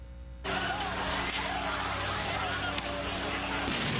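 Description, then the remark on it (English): A street protest clash between police and demonstrators in Paris, France: a dense, loud roar of crowd and street noise kicks in abruptly, with a few sharp bangs punctuating it and muffled voices mixed into the din, as authorities use water cannons and tear gas to clear the crowds. “Paris, authorities used water cannons and tear gas to try to clear the crowds.”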